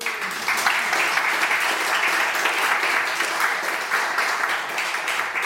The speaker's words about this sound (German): Einen großen Applaus bitte